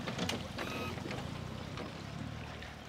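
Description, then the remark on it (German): A boat's motor runs steadily, its low rumble blending with wind and lapping water in a harbor in Waren, as the boat is guided from the harbor entrance to a berth; faint voices may sit under the engine noise. “fangen Boote schon an der Hafeneinfahrt ein und führen sie zu geeigneten Liegeplätzen.”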